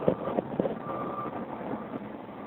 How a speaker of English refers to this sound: Got this big interchange. There's a bunch of traffic for people waiting to get into the tunnel.